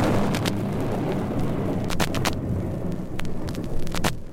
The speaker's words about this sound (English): Oh, it's starting to rain.